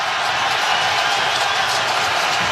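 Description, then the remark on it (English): A dense, steady roar of Paraguayan football fans cheering in a stadium during a match against France as players shove each other after a free kick, loud and continuous with no breaks. “And the cheering you hear is actually the Paraguayan fans who are loving this.”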